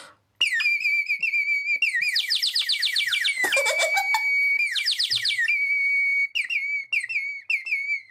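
A tiny clay bird whistle from Peru, small enough to fit in a palm, warbles in rapid trills and chirps, with a steady high tone running underneath and bursts of fast fluttering notes. It sounds loud and bright, with no talking.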